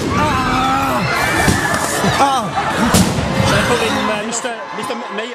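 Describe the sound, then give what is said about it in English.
Sharp firework bangs, let off by demonstrators at a street demonstration by pupils, crack out over a loud, dense crowd of young voices shouting and whooping. The noisy clamour continues throughout before thinning out at the very end. “It's at that point some of the demonstrators let off fireworks.”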